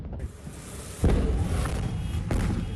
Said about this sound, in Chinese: 经调查发现，空地埋有铝和镁，遇水后引发连串大爆炸。 消防员还以为火势受控，不料突然大爆炸。